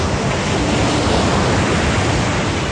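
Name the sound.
ocean waves and surf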